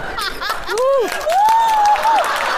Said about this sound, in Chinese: 后面的观众啊，虽然离得远，但是该鼓掌鼓掌啊，我能听得见啊